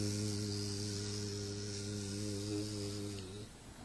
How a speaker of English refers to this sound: When bee is flying, she is chanting her mantra. You can hear them.